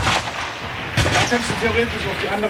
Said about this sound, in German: Wir sind im 50 Meter Schiessstand. Der Walter Mattis schiesst mir Sportpistole, Munition, Randfeuerpatrone